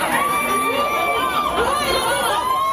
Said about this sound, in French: Un mouvement de foule a eu lieu hier pour l'inauguration d'une enseigne très connue dans le quartier de la Défense à Paris. Des centaines de personnes présentes pour acheter des climatiseurs, des ventilateurs.